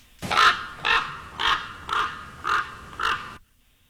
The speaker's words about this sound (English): Think of Edgar Allan Poe. Oh, ravens. Hey! Ravens, I'm sorry.